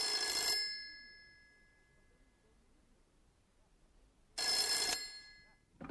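An old-style telephone bell rings twice, each short, loud metallic jangle trailing off into a lingering tone, with a few seconds of quiet between rings.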